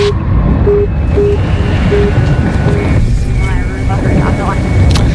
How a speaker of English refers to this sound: That's scary to have this helicopter hovering around.